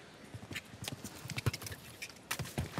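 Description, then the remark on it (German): A horse's hooves pound the ground in a steady galloping rhythm as it approaches a water jump, a quick series of thuds with faint background noise and no talking. “Ah, die Unsicherheit schon auf den letzten Metern zum Anritt des Wassergrabes hin spürbar. Innerhalb des Pferdes.”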